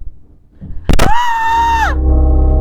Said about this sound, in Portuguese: Não, esse grito aí. Ah, deu um grito? Não sei, não, dá uma mudadinha nesse grito aí.